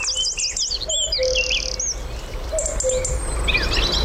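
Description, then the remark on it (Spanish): A busy dawn chorus of several birds, including a cuckoo and a robin, while still dark in near-winter: rapid high chirps and trills, a repeated lower two-note call, and a steady insect-like hum underneath, all outdoors with no talking. “Y enseguida van a empezar a incorporarse uno a uno las aves del día. El cuco, un petirrojo.”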